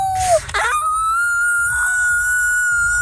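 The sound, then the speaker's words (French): Several Franco-Ontarian schoolchildren imitate wolf howls for the Festival du Loup, one sliding downward before a long, steady high-pitched howl holds for several seconds, loud and continuous, with other voices mixed underneath. “Des élèves franco-ontariens qui font leur meilleur hurlement de loup.”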